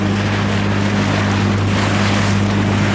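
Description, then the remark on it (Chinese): A kayak moves steadily across Zhari Namco, a lake in Tibet, heading to an island in the lake, with a constant loud rush of splashing water and wind over a low, humming motor drone. No one speaks. “乘坐皮划艇前往湖心岛需要30多分钟。”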